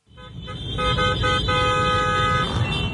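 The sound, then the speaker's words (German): Motorcycle engines roar over a dense rumble of traffic while several car horns blare in sustained, overlapping honks, loud and continuous throughout, with faint voices. Dozens of PSG ultras on motorcycles, holding flags and flares, race along the Champs-Élysées and past the Eiffel Tower in Paris on a hot Thursday evening. “Auf Motorrädern und mit Fahnen und Bengalos in den Händen sausten Dutzende PSG-Ultras am Donnerstagabend schon mal über die Champs-Élysées und am Eiffelturm vorbei.”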